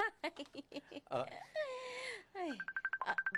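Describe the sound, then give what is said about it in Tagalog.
A cellphone ringtone plays for an incoming call: a short melodic electronic tune with gliding tones, ending in a quick run of repeated high beeps. “May nagatawag sa akin sa cellphone ko eh.”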